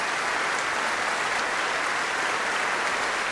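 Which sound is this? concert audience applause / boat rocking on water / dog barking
concert audience applause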